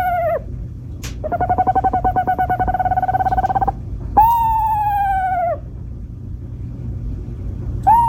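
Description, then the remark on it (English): An owl gives non-hooting calls: a long, rapidly pulsing whistled trill, then a steady, slightly falling whistle, with short whistles at the start and end, all over a low background rumble. “Would you believe that this is also an owl?”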